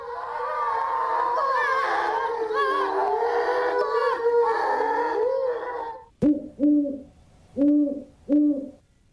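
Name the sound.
owl hooting at night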